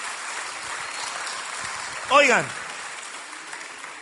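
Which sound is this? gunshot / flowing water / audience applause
audience applause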